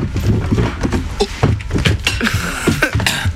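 Horse hooves clip-clop in a steady, uneven series of hollow knocks, fairly loud, with some breathy background noise and no talking.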